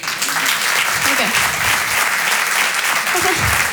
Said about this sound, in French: Applaudissez ceux qui ont fait du catéchisme.